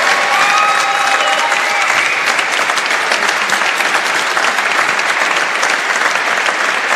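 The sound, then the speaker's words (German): A crowd claps steadily for several seconds in thanks for a woman's ministry, a dense, loud wash of applause with a few faint whistles or cheers woven in near the start, holding at an even level throughout. “Wirklich von Herzen vergelt's Gott, bitte gebt ihr auch einen großen Applaus, bitte.”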